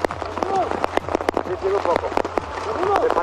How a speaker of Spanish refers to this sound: escuchemos cómo se sentía, aquí está la transmisión de Eurosports, cómo se sentía el granizo cuando faltaban 18 kilómetros a línea de meta